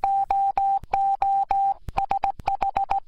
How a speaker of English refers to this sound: Did you know that the first use of radio was to send Morse code? To celebrate that, here's a message in Morse code.